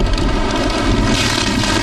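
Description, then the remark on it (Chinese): A taxi drives past through standing water on the Kennedy Town waterfront in Hong Kong during a strong typhoon, its tyres throwing up a loud, steady hissing splash over a constant roar of wind, with no voices. “出租车驶过，溅起不少水花。”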